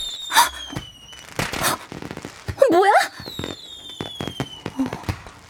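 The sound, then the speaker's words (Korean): Fireworks go off in a rapid series of sharp bangs and crackles, with whistling streaks rising between bursts, loud. A person briefly speaks partway through. “폭죽놀이 하나 본데?”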